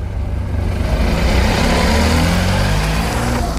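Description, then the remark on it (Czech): A municipal car from the Olomouc city authority in the Czech Republic runs steadily, a low rumbling drone with a slight rise in pitch as it pulls away, setting off for a school that will serve as a polling station, with no voices over it. “Děkuji moc, takže my vyrážíme.”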